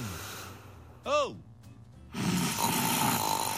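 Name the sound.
loud snoring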